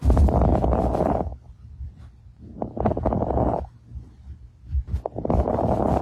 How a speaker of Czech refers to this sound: Nemoc přitom může zachytit už praktický lékař, který při poslechu plic fonendoskopem u nemocného člověka uslyší takovýto zvuk.